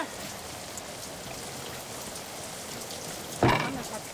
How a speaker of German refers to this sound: Hey, was stehst denn hier rum? Machen wir Party im Regen oder was?